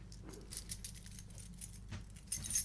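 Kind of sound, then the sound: household object, keys jangling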